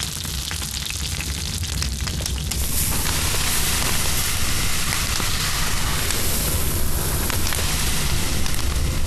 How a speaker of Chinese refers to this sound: 煎到两面金黄的小鱼，放到铺撒着米糠的炭火上方，稻壳噼噼啵啵作响，烟气带走小鱼的水分，香味分子不断附着其上。